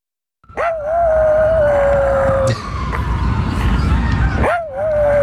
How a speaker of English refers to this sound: All right, for our radio listeners, that is one animal I try to talk to frequently. This is friend of the show, tiny rat dog Brutus, howling at sirens in Central Park.